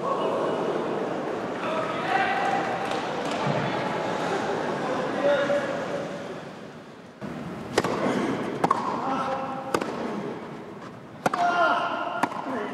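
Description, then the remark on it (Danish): A tennis rally: five sharp, crisp racket-on-ball hits about a second apart over crowd murmur and indistinct voices, after several seconds of stadium hum. It is the match-point rally of a Wimbledon quarter-final between Novak Djokovic and Felix Auger-Aliassime, won by Djokovic after 5 hours 15 minutes. “Lad os lige høre den sidste bold til at starte med.”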